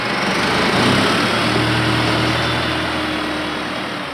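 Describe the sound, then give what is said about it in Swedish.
A tractor engine runs steadily, a loud continuous mechanical drone with a low rumble that holds for several seconds and eases slightly toward the end; the tractor is used to load hay for horses. “Han tränar upp andra hästar, är tränare, tränar själv och om kvällarna sätter han sig i traktorn och lastar in hö till hästarna.”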